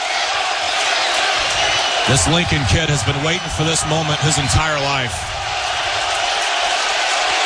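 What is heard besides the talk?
stadium crowd cheering loudly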